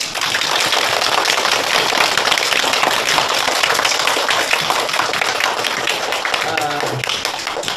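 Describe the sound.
Sustained applause from a crowd of many hands, a dense steady patter of claps at an even loudness that carries on throughout, with a faint voice briefly surfacing near the end.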